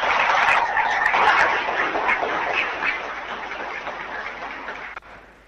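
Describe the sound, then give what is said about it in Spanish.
An audience at a community gathering in Quilindro Sande claps steadily, a dense, crackling wash of many hands that holds for about five seconds before tapering off and ending abruptly. No one speaks. “creo que se merece un aplauso para acompañar a la gente de la comunidad.”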